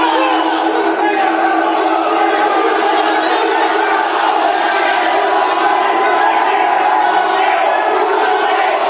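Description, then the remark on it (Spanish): A large crowd of Remo football fans in Brazil shouts and roars angrily at Neymar after Santos eliminated Remo, in a continuous, loud wall of voices, with overlapping yells and jeers that never let up. “Pero miren la reacción de los hinchas rivales.”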